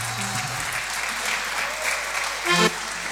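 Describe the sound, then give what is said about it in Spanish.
Steady, dense applause from a large audience for a performer and his group at the end of an evening show fills the whole stretch, with a brief louder surge near the end and no one speaking over it. “Son los últimos aplausos de la noche, gracias.”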